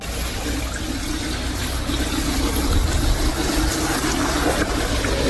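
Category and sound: household object, water running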